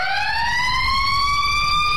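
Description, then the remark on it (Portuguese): A loud, steady siren wails continuously, its tone slowly rising in pitch, with a faint low rumble underneath and no voices; the siren is sounded as the signal to leave. “É assim, ó, negócio de tocar a sirene pra ir embora, tá?”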